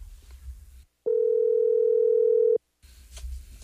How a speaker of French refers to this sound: Ça sonne, là. Ça sonne.